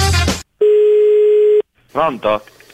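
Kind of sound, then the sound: signal or alarm, telephone ringing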